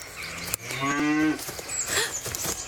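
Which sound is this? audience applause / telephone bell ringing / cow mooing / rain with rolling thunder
cow mooing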